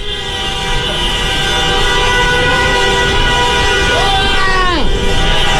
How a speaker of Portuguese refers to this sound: Solta a buzina, torcedor!